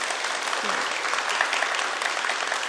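Sustained, even applause from a crowd, a dense steady patter of many hands clapping with no pauses, fairly loud throughout.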